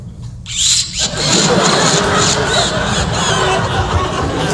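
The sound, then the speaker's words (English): A voice mimics a car engine starting, a sputtering, squealing vocal rumble that swells loudly after a brief quiet start and holds steady to the end, with crowd noise mixed in. “Then I went down and started up the car.”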